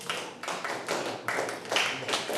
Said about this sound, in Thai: หมดเวลาทำกิจกรรมแล้วครับทั้งหมดปรบมือ10ครั้ง